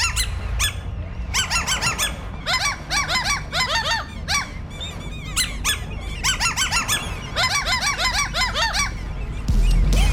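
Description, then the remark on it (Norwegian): Seagulls squawk loudly and repeatedly in bursts of rapid, overlapping calls, several birds crying over one another for the whole stretch. “og måkene har tatt plass på scenen for å fremføre, hva skal jeg si, de var veldig lett til sinns I dag.”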